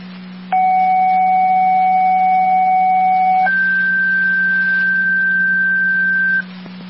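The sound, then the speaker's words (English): A loud two-tone radio dispatch page, the second set of tones, sent to Sanborn: one steady tone holds for about three seconds, then jumps to a higher steady tone for another three, over a low electrical hum with no talking. “Track community, second tones, initially to Sanborn, repeat the track community, your second set of tones, so the mass call with Sanborn 16.”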